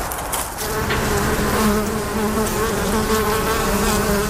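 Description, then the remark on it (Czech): A steady, dense drone of many honeybees buzzing beside an apiary, a continuous humming swarm with overlapping wingbeat tones and no voices. “Včely vedle včelína létají i dnes.”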